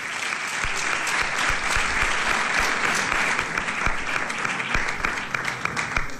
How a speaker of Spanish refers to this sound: Fuerte aplauso.